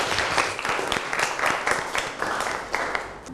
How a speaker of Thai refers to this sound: ขอเสียงปรบมือให้ทั้ง2กลุ่มด้วยครับ